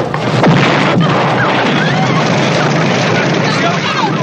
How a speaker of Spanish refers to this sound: Beso se interrumpe dramáticamente por el estallido de la bomba.